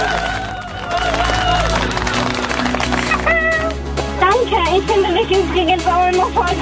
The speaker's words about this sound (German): Dann ist das hier dein Applaus. Juhu!